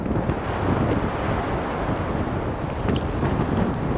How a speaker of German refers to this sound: So kann sich Wetter in Grönland ändern. Jetzt sieht man das. Das sind jetzt Böen, das ist jetzt dieses Orkantief. Die sind so bei 110, 120 Kilometer pro Stunde.